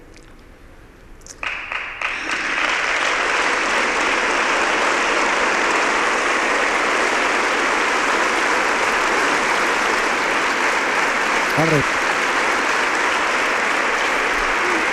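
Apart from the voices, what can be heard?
audience applause and ovation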